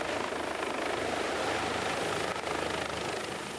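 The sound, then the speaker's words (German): The ADAC rescue helicopter Christoph Hanser flies over Hamburg, its loud, steady engine roar layered with a rapid, chopping rotor pulse throughout, with no voices. “Die Geschichte von Jack und ADAC-Hubschrauber Christoph Hanser ist nur eine von vielen, die aus der Wirklichkeit”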